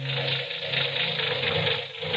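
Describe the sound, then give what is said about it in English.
A car engine runs roughly, giving a steady, loud mechanical rumble with a rattling, hissy edge that holds throughout without pause. No voices. “Say, that engine of yours sounds like real tire and iron.”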